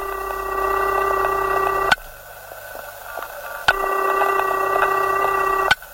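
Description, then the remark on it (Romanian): A telephone ringback tone after dialing a number sounds in two long steady bursts, each about two seconds, separated by a pause, with a sharp click marking the start and end of each ring; no one speaks. “Sună, am și eu noroc.”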